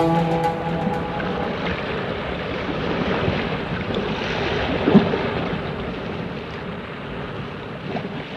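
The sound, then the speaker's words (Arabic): A steady wash of sea noise, like ocean waves rolling in and breaking on a shore, with a windy rumble and no voices. The level stays fairly even, with a slightly stronger swell midway. “يا رب، لولا هذا البحر المحيط لمضيت في البلاد مدافعا عن دينك ومقاتلا من كفر بك وعبد غيرك.”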